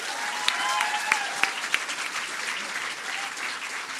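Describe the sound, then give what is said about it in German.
A poetry slam audience claps steadily for a young performer making his second slam appearance, a dense wash of applause with a few sharper individual claps standing out, holding at an even, fairly strong level with no clear talking over it. “Ein großer Applaus bitte für ihn.”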